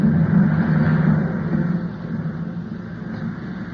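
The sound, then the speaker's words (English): A steady airplane engine drone with a strong low hum and broad rushing noise as the plane is brought down to land over land, loud at first and then easing slightly as it continues. No voices. “He's bringing the plane down.”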